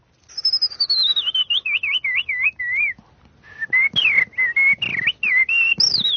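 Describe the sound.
A person whistles an imitation of blackbird song: a long descending glide into wavering, fluty warbles, a brief pause, then more varied whistled phrases, clear with no talking.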